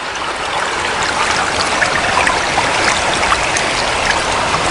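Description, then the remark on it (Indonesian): Fast-moving river water rushes and splashes steadily throughout, a loud, dense, unbroken wash of flowing current with no voices. “Wah, air sungai ini deras sekali.”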